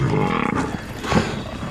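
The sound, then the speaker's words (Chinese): Deep, rumbling lion roars and growls overlap in a dense, continuous burst, several animals snarling at once with a loud, throaty low-pitched rasp and no speech. “狮子太多了”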